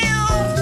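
A single cat meow, loud, with a clear tonal, drawn-out quality lasting under a second. No one speaks over it.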